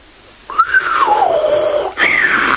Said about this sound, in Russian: Свистнул джин.